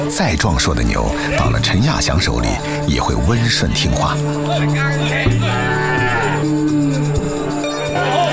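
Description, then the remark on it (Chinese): Cattle moo repeatedly, long low drawn-out calls, mixed with people talking and general bustle, as a cattle buyer inspects and handles sturdy cattle. “再壮硕的牛”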